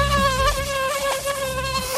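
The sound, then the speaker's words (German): A mosquito's thin, high-pitched whine drones steadily for about two seconds, its pitch wavering slightly as it hovers, with no voices present. “Dieses Surren in den frühen Morgenstunden bleibt uns diesen Sommer weitgehend erspart in Regensburg, Niederbayern und der Oberpfalz.”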